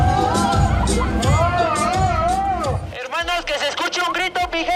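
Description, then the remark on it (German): A lukewarm audience reaction to a masked performer taking off his shirt: a crowd murmurs with a few drawn-out, groaning 'ooh' sounds rather than cheers, then it fades and a single voice starts talking for the last couple of seconds. “Doch fürs ausgezogene Shirt gibt's für den Maskenmann nur verhaltene Reaktionen aus dem Publikum.”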